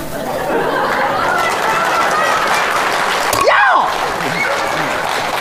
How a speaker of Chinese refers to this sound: 别鼓掌，别鼓掌了！